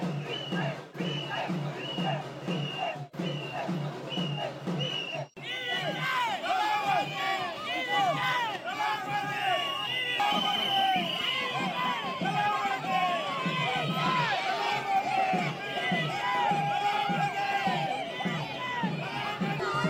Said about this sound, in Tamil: இந்த தேர்தலில் தாவேகா பெரும்பாலான இடங்களில் முன்னிலை வகித்து வருவதை அடுத்து பனையூரில் உள்ள அக்கட்சியின் தலைமையகத்தில் தாவேகவினர் பட்டாசு வெடித்தும் இனிப்புகளை வழங்கியும் கொண்டாட்டங்களில் ஈடுபட்டு வருகின்றனர்.